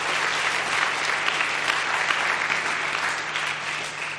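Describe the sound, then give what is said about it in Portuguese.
An audience applauds civil society organizations steadily, a dense wash of many hands clapping at an even, sustained loudness for several seconds, with no voices standing out. “E nós queremos pedir uma grande salva de palmas para as organizações da sociedade civil.”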